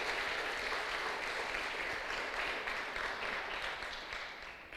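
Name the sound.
audience applauding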